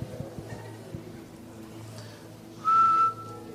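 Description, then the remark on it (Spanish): A single loud, high, steady electronic tone from a cellphone, a cricket-like chirp, rings out for about half a second over a low, quiet droning background. “¿Dónde está el sonido del celular que hace cuí, cuí? El brillo ese, el grillo.”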